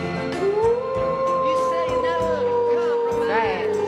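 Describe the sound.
A person imitates a wolf howl: one long, loud, wavering howl held for several seconds, with faint voices or background noise underneath.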